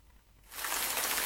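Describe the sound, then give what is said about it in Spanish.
Steady rain comes in abruptly after a quiet moment, a dense hiss of falling water that holds loud and constant to the end. No one speaks. “La lluvia.”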